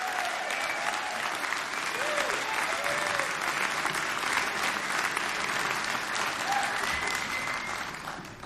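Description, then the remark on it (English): Sustained applause from a crowd for a musician's performance on Mountain Stage, a live performance radio show from West Virginia: a dense steady wash of clapping that holds at an even level for several seconds, with a few faint cheers and whoops rising above it before it tapers slightly at the end. “Give it up one more time”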